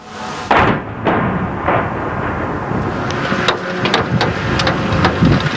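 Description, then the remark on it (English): Russian missiles and drones striking Kyiv, Ukraine, overnight: a loud, continuous rumbling roar broken by a series of sharp, booming blasts at irregular intervals, with no voices. “The sound of missiles and drones striking Kyiv overnight.”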